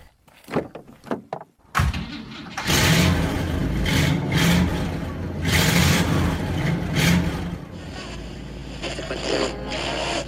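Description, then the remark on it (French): A few short clunks, like a car door shutting, then the engine of a big Chevrolet car roars to life and revs loudly and steadily, with a deep rumbling undertone and no talking. “Mais en attendant, bien, c'est s'installer à bord d'une belle grosse voiture.”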